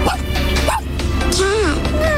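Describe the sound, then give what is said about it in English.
A child's voice imitates a tiny dog, making a few high-pitched, wavering yips and whines over a steady low background hum. “What about the tiny dog?”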